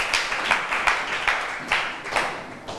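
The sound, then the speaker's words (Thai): A class applauds a classmate after a group presentation, steadily for a few seconds, many hands clapping in a dense, rattling patter with brief louder surges, no one speaking over it. “เจ๋งมากปรบมือให้เพื่อนค่ะ”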